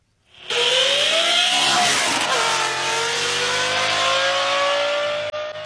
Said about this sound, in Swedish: Vi ska nämligen prata med en man nu som har satt in en Lamborghini-motor i sin Volvo 245. Vi kan bara lyssna lite först på hur den låter då.